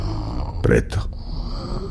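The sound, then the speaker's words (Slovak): A single rasping human snore breaks out over a low steady hum, a loud rattling inhale followed by a shorter second rasp, then the quiet background resumes. “Človek sa bojí, preto chrápe.”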